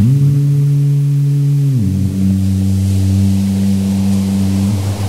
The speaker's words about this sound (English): Well, what about the sounds of the beach, like, the waves rolling in and out? And the foghorns sounding from far away?